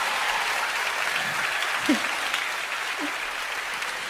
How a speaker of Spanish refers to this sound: Fue una experiencia muy hermosa y también quiero que nos despidamos con otro fuerte aplauso.